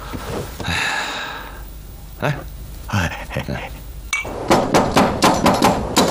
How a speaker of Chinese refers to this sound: 半夜三更敲什么门？